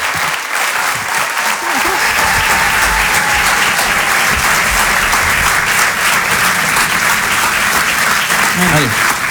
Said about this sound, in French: C'est la première fois qu'on les reçoit. Je vous demande de les applaudir très très fort, s'il vous plaît.